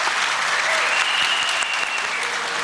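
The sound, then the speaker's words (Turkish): Sustained audience applause for the orchestra on a Turkish TV show, a dense, steady wash of many hands clapping at an even loudness throughout, with no talking over it. “Şu güzel orkestraya da bir alkış alalım.”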